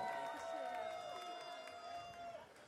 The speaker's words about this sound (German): Du hast super toll mitgemacht, unsere Pläne hier mit umgeworfen. Vielen, vielen Dank, riesengroßer Applaus